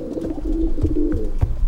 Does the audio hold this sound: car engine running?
no